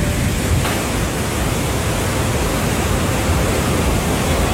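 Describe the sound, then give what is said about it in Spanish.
Steady rain falling: a dense, even hiss of countless drops that holds at a constant, fairly loud level for the whole stretch, with no voices. “Y claro, pues sonido clásico de lluvia cuando ocurre.”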